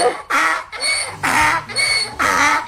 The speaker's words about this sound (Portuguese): Ó o jumentinho ali.